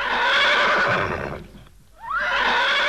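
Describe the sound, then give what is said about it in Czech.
A brown mare whinnies loudly in two bursts, a long harmonic-rich neigh that fades to near silence, then a rising, quavering whinny starts up again. No one speaks. “Tak tiše, hnědko, postůj, neplaš se.”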